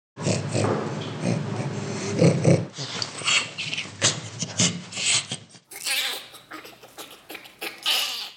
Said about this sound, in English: Okay, so you just heard three different apes laughing, specifically an orangutan, a gorilla, and a bonobo.